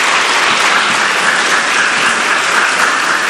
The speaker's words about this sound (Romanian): În acest concert are șansa să fie acompaniat de prestigioasa orchestră de cameră a sălii cu orgă, aceasta fiind dirijată de maestrul în arte, prim dirijor Cristian Florea. Vă rog să aplaudați orchestra!